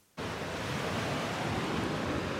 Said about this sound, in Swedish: Ja, även om vinden har lagt sig så är det fortfarande vågor kvar. Det är en sån här gammal sjö, och här på stranden Fria Bad i Helsingborg så sköljer vågorna upp, och de sköljer med sig tång.